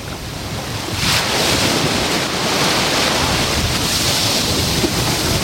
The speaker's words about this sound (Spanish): Lo primero que voy a hacer es orientar el micrófono al mar para que escuches las olitas que hoy están de fondo. Nos van a acompañar en el programa como sonido ambiente. Así suena el mar Mediterráneo, la playa de la Charca hoy.